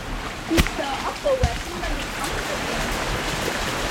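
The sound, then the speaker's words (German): Water runs steadily over the top of a small aqueduct with a continuous rushing wash, broken by a couple of brief splashy knocks near the start, while voices murmur faintly in the background. “Da, schau, es läuft noch so oben drüber.”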